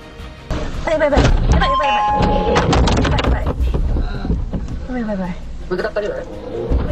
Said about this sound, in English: She noticed the bear with her cub ahead, and she said without warning, the bear then, as you see, lunges at the car, biting, clawing, shaking the vehicle.